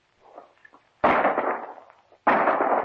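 shotgun shot

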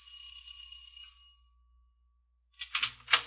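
doorbell ringing

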